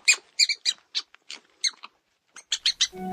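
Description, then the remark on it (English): A prairie dog squealing in a rapid series of short, high-pitched chirpy squeaks, bunched in irregular bursts with brief pauses, ending as a low tonal hum comes in. “All right, the answer is that is a prairie dog. Yeah, a little prairie dog squealing.”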